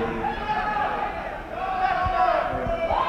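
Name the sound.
audience boys screaming out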